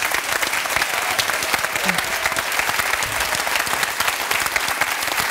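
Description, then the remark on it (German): Sustained applause from a studio audience in Bremen, sent as an extra round of applause to Marianne in Munich, many hands clapping in a dense, steady wash for several seconds at a fairly loud level, with no talking over it. “Und du hast vor kurzem Geburtstag, Und ich finde, wir dürfen dir nach München einen extra Applaus schicken, wenn du erlaubst.”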